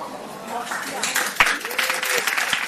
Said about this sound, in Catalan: Podeu aplaudir.